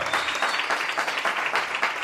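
Steady audience applause, a dense wash of many hands clapping at an even, sustained loudness with no voices on top.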